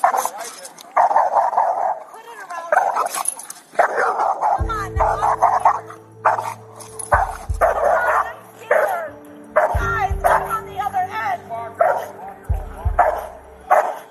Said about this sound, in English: The woman does eventually leash the dog, though it still remains clearly vicious and agitated. She then continues to not cooperate with officers, refusing to give the dog to them.